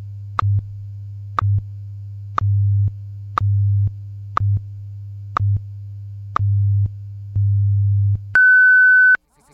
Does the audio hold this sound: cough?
no